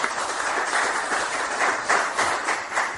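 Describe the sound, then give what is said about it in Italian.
A crowd at a presentation of the book Oltre il confine applauds the next speaker steadily, a dense wash of many hands clapping together at an even, sustained level for a few seconds, with no voices over it. “quindi a parlare tu, tocca a te, un applauso”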